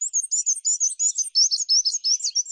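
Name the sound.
black-and-white warbler song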